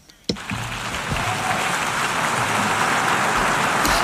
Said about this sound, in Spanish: Muy bien, los aplausos, como ven, desde que se ha callado, no hay la voz de la traductora y el aplauso es, escuchen todo el tiempo.